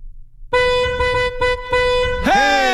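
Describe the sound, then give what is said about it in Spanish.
A loud car horn honks out a rhythmic pattern of several bursts with short gaps between them, ending in a final blast whose pitch swoops upward. “El programa, si tocan el claxon así, significa que alguien cerca de ustedes está escuchando el programa también”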